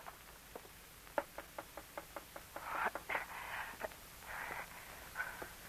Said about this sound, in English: One night, weeks later, Rose Dupree jumped up in alarm when she heard a knock on her window. What's that?